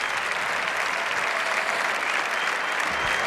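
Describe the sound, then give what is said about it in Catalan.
Sustained applause from a large crowd, a dense, steady wash of clapping that holds at an even, loud level throughout without any clear voices standing out. “La porta aplaudeix Lewandowski, ara abraça Lewandowski, abraçada molt sentida”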